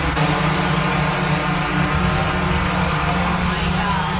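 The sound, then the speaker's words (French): A single delivery drone flies overhead with a steady, loud droning buzz and a low tonal whine, its pitch almost unchanging for the whole four seconds, with no one talking. “Écoutez, ah oui, ce qu'un seul drone, comment ça sonne?”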